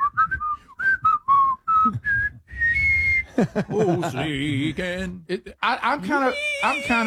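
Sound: people whistling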